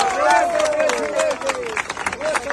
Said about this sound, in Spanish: y eso es lo que están haciendo ustedes de forma también digna y patriótica, y el cual merece un aplauso a todos y cada uno de ustedes.